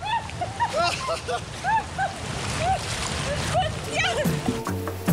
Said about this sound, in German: The stream is crazy, huh? Yeah, yeah, yeah. Die Strömung ist unfassbar.